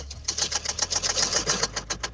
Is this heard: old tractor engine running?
yes